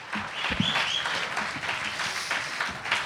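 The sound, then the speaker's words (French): A crowd at a slam poetry night applauds a performer steadily, a dense wash of many hands clapping at an even, sustained loudness, with a few sharper individual claps standing out and a faint whistle-like tone briefly rising above it. “Applaudissez encore bien fort la loupiote.”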